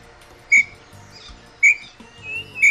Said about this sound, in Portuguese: Você sabe quem é esse pássaro? Qual é esse? Ó. Tem bem te vi.